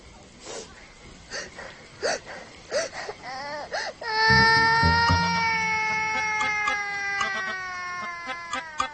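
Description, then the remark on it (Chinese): A child cries, first in short, hiccuping sobs, then breaks into one long, loud, high-pitched wail that slowly sags in pitch and trails on to the end. “哎，别哭了，你把阿瑶叔都哭诈尸了，你看。”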